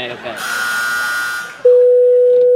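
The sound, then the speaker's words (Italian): A steady, unbroken telephone dial tone, a single loud mid-pitched hum, sounds for about a second as someone goes to make a phone call. It follows a short stretch of muffled voices and rustling noise, then cuts off abruptly. “Stai zitto che adesso vado a fare una telefonata.”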